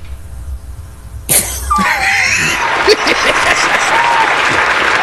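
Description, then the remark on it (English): A sudden burst of canned applause, dense steady clapping from a crowd with some cheering and whoops mixed in, loud and sustained after a quiet low rumble at the start. “Give it up for Mr. Christopher Norwood, JD, please, with our manufactured clap sounds”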